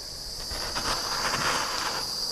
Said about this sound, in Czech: Máme zachlazený tady náš základ s piškotem, krémem, rebarborou. Máme i vyšlehaný sníh, tak ten si navršíme nahoru a oflambujeme ho pomocí pistole.